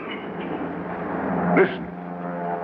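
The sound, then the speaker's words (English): A steady, droning engine of a single small airplane flying high overhead hums continuously and unchangingly, swelling slightly for a moment before settling back to the same low rumble. “Yeah, it's a plane.”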